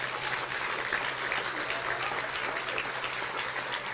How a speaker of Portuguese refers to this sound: Aleluia. Glória a Deus. Você pode aplaudir a Deus?